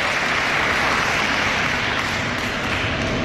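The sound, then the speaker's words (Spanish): A crowd applauds steadily, many hands clapping in a dense, even wash of sound that stays loud from start to finish, with no voices above it. “Ellos son los que merecen los aplausos.”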